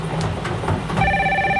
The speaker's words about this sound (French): Alors, le téléphone sonne.